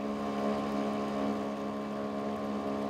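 A sailboat's small auxiliary engine on the Großer Schweriner See in Mecklenburg, Germany, drones steadily at a constant pitch, a loud, even motor hum with a buzzing tonal core and no pauses or speech.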